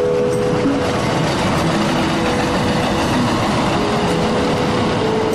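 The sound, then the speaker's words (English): An elevated train, just left by a passenger at their stop, rumbles steadily past overhead, a loud, continuous roar of wheels on rails with a faint sustained tonal whine, filling the whole stretch without pause. “Once I get off of my stop and I make my way down the tracks while the train I just got off passes over my head,”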